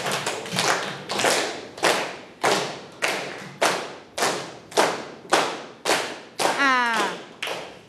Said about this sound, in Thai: แล้วปรบมืออย่างไรให้เป็นจังหวะคะไหนลองปรบมือสิคะ